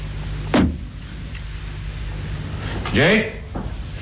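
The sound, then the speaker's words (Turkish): A cabin door that does not seem locked is tried and opened: a sharp rattle of the handle, a pause, then a drawn-out creak of hinges as it swings, ending with a soft knock over a low hum. “Kapı da kilitliye benzemiyor.”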